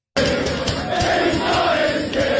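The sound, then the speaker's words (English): A large crowd of Arsenal fans at a football stadium roars and chants together, a dense, continuous wall of voices with rhythmic surges, loud throughout. “What happens when someone in the crowd has dropped their keys?”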